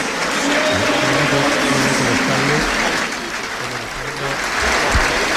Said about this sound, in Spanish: Todo Wembley de pie, aplaudiendo en memoria de Kevin Keegan a los 75 años.